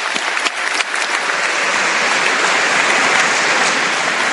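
An audience claps steadily for several seconds, a dense, even wash of many hands applauding, loud and sustained with no voices over it.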